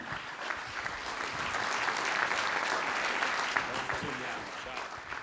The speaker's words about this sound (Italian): Un saluto e un benvenuto e un grande applauso anche al presidente della Regione Liguria, Marco Bucci.